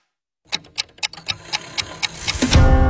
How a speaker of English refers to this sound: It happens every night. The clock strikes dinner, and suddenly it's all you can think about.